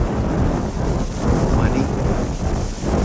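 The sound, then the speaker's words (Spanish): A thunderstorm roars steadily, deep rumbling thunder mixed with rushing wind and rain noise, loud and continuous throughout with no clear pauses. “O el viento, esta tormenta, va a dificultar el cierre de la entrevista.”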